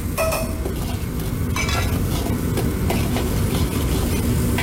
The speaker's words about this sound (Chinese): 底料炒化之后下入剁好的豆瓣酱炒香，然后下入剁好的姜蒜末一起爆香。